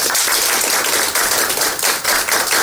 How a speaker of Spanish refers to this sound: Un aplauso para Diana Tamaín y todos sus consejeros. Aquí sí cabe un efecto de sonido de aplausos.